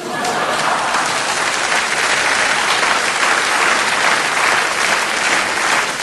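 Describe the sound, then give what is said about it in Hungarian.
A crowd applauds steadily and loudly for several seconds, a dense wash of many hands clapping at once, sustained without a break. “Na most, jó van, ne tüntess, csak tapsolj.”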